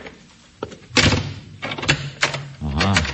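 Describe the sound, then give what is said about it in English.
A front door is pushed shut, with a few sharp clunks and a latch rattle, followed by a man's voice speaking. “I want to shut the front door, that's all.”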